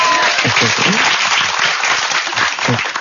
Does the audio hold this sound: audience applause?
yes